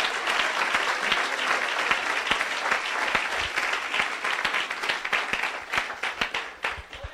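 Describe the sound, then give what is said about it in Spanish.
A church audience bursts into sustained, dense applause to praise the Lord, many hands clapping at once in a steady wash of sharp claps that thins slightly toward the end. “Dele un fuerte aplauso.”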